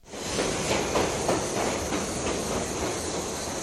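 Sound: departing train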